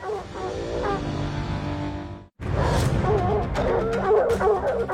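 A pack of hunting hounds bays and yelps continuously, many voices overlapping loudly and close by, with a brief break partway through before the frantic chorus resumes.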